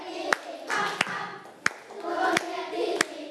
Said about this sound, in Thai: ปรบมือให้กับกลุ่มแรกค่ะ